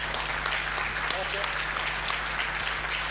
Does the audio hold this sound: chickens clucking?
no